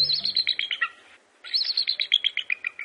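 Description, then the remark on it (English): A bald eagle's squeaky call, like a squeaky door: two bursts of rapid, high-pitched chittering notes that tumble downward, separated by a brief pause. Heard clearly, with no talking. “Look high into the top branches of a tall tree, and you may see the source of this call, a bald eagle.”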